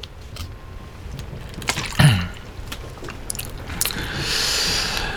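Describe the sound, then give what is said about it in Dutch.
Someone takes a sip of water: soft mouth clicks, a brief slurp and swallow around the middle, then a faint rustle and light hiss. No one speaks. “Een slokje water lijkt me een goed idee.”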